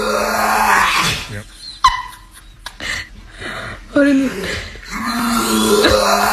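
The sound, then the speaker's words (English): A black dog in a swimming pool makes harsh, sputtering gagging and choking noises on pool water it drank, in several loud bursts, with brief startled human voices between them. “This is the classic dogs choking on water clips.”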